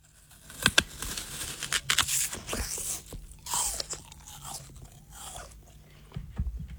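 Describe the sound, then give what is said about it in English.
A crisp, crunchy bite into an apple, followed by several seconds of wet chewing with sharp crackling snaps, with no talking. “Yeah, that one sounded crunchy too. And delicious.”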